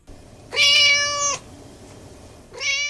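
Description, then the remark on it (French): A mascot cat meows loudly, one long drawn-out meow followed by the start of a second after a short pause, with no talking. “Merci à notre mascotte Minou.”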